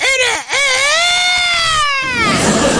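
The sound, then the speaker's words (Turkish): A person imitates a rooster crowing: a brief rising yelp, a quick break, then one long, loud, high-pitched drawn-out call that slowly falls away, sung alone without speech. “O zaman şimdi bir horoz gibi ötüyoruz.”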